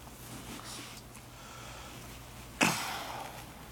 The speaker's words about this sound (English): I apologize about the little cough. The devil decided to play with my allergies today.